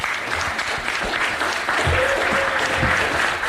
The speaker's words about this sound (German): Applaus.